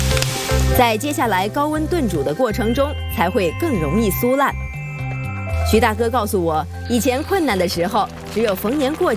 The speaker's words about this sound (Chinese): 在油锅里煸炒时，猪骨中与蛋白质结合的水会逐渐被炒干，从而使蛋白质的韧性降低。